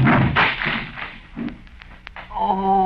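A loud wooden crash as a person thrown too hard into a wooden chair breaks it to pieces, with a rough burst of splintering followed by several sharp cracks and knocks, then a voice rising over the end.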